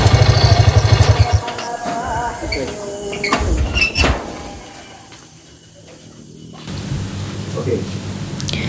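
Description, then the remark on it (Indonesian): A house door in a radio drama creaks and clunks open with a few sharp knocks of wood and latch, clear over a low humming background, followed by a quieter, hissy room tone. “Pintu terbuka.”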